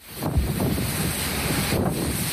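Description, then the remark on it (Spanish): Strong wind with a wet downburst in Bañeres de Mariola roars and buffets the microphone in a steady, loud rumble with gusting surges, a dense low-heavy rush that never lets up and carries no voices. “Y en Bañeres de Mariola, fuerte viento e incluso un reventón húmedo.”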